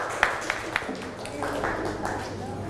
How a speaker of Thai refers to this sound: ปรบมือให้กลุ่ม2ด้วยค่ะเก่งมาก